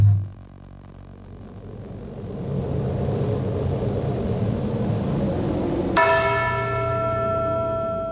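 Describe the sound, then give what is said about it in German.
A heavy church bell, borrowed from a band, tolls once, its deep ringing tone hanging and slowly fading over a steady, rumbling storm-like noise. No one speaks. “Die Glocke hat er sich im Übrigen von … ausgeliehen”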